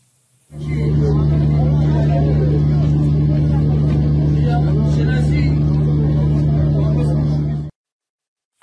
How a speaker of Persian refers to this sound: ویدیویی ببینیم از ازدحام خودرو مقابل باغ رضوان در صبح 20 و 21 دی ماه.